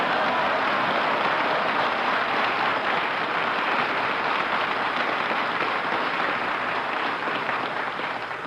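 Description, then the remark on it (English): Sustained applause from a studio audience greeting Phil's entrance, a dense, even wash of clapping that holds steady and loud for the full length before easing slightly at the very end, with no voices over it. “Why do you always ask for applause when you make your entrance?”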